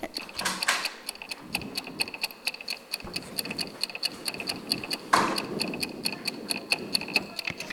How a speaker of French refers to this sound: Le bruit de l'horloge la nuit.